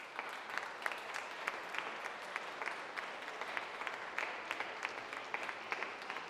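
An audience applauds steadily for several seconds, a dense patter of many hands clapping at a moderate, even level with no voices standing out.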